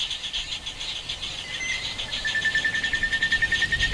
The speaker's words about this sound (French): Donc on peut commencer par écouter un son qui a été enregistré la journée en saison humide.